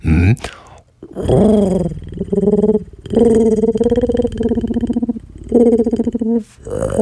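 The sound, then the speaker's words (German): A person imitates a sad, mournful pigeon with drawn-out, throaty cooing and groaning sounds, several wavering phrases in a row, fairly loud with short pauses between them. “Kannst du auch eine Taube nachmachen? Klar. Pass auf. Die sitzt auf dem Dach und ist ganz traurig. Pass auf, eine traurige Taube.”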